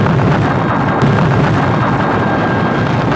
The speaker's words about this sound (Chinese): 1979年，蛇口工业区的开山炮声为经济特区建设拉开序幕，敢闯敢试、敢为人先、埋头苦干的特区精神向世界展示了中国改革开放的磅礴力量。